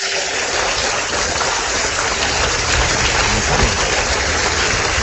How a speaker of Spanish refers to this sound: Dios le bendiga, un fuerte aplauso al Señor, denle la gloria a Dios.